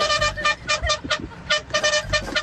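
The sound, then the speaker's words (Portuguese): A greengrocer's car horn, honked for a radio show's buzinaço while driving to Ramos, São Bernardo, sounds in a quick series of short, loud blasts, about ten beeps in a choppy rhythm, with some road noise underneath and no talking. “Toma a buzina.”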